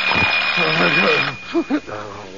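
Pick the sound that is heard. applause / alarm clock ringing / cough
alarm clock ringing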